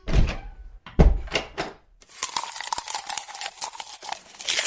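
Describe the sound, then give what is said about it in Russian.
A door slams loudly a couple of times, heavy booming thuds in quick succession, followed by a steady crackling, crinkling noise with no voices. “Кто-то громко хлопает дверью.”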